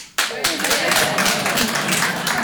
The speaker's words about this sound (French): Alors, par applaudissement, faites du bruit. Est-ce qu'il y a des Marocains dans la salle ce soir?